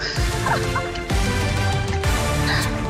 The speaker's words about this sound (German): Das ist eine Ente.